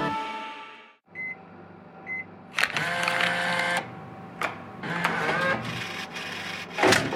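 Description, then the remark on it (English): A vending machine hums, gives two short beeps, then whirs mechanically as it pushes out two items instead of one, with several sharp thumps as they drop; a final loud clunk lands at the end. “Don't you love it when the vending machine gives you 2 for the price of 1?”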